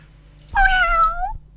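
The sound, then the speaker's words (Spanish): A single drawn-out meow from a friend's cat, fairly loud, rising then falling in pitch over nearly a second, with faint low hum in the background and no talking. “Ahí está el gatito de nuestro amigo.”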